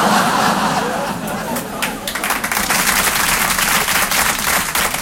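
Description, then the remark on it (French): An audience bursts into loud, sustained applause, a dense wash of many hands clapping that builds after a couple of seconds, with a murmur of crowd voices mixed in. “C'était un piège, j'ai les noms de ceux qui ont applaudi.”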